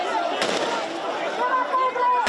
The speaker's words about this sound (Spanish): En varias ocasiones se han escuchado disparos al aire.